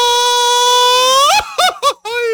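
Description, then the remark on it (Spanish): A lone voice attempts a mariachi grito: a loud, sustained high yell that breaks into a few quick warbling, laugh-like bursts before ending. “te sale el grito de mariachi?”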